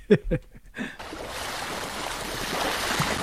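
A brief voice at the start gives way to a steady, rushing wash of ocean waves, a broad continuous surf noise that stays even and fairly loud to the end.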